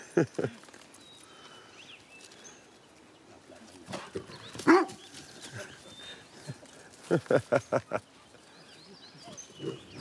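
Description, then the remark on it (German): A dog barks in short, sharp bursts: a quick pair at the start, one loud bark midway, then a rapid run of about five barks, over a quiet outdoor background. “Da sagt der Hund, wo es lang geht, was?”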